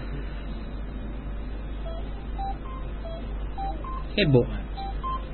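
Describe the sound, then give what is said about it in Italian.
A series of short, evenly spaced touch-tone beeps as a number is dialed on a phone, over a steady low hum, with a brief burst of speech partway through. “Ascoltiamo la telefonata di ….”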